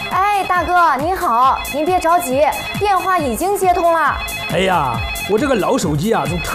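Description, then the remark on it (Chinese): A telephone ringtone plays loudly and continuously for several seconds, a busy warbling melody with steady high tones running underneath, waiting for the call to be picked up. “哎，大哥，您好，您别着急，电话已经接通了。”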